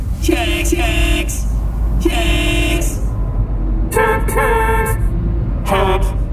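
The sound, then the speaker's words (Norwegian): Several car horns honk in overlapping bursts over a steady low rumble of idling traffic in a traffic jam, some blasts long and sustained, others short. “Oi, her var det jo fullstendig kork.”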